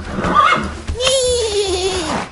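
A horse whinnies in one long, wavering call that rises and then falls away, following a few short, bright sounds at the start.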